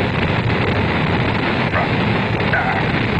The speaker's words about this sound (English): The engine's now building up to 7.7 million pounds of thrust. We have a launch commit and we have a liftoff. The swing arm moving back. The Saturn V lifting off the power. Alpha pad building up thrust. We clear the tower.